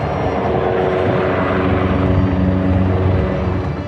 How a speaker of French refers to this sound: Image insolite, les hélicoptères bombardiers d'eau viennent s'approvisionner dans les jardins du château de Fontainebleau.